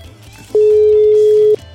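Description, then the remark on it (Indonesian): A single loud, steady telephone dialing tone sounds for about a second as a phone call to Bang Arya is placed, starting and stopping abruptly over a faint background hum, with no one talking. “Halo, ya coba Neng Diana telepon Bang Arya lagi nih.”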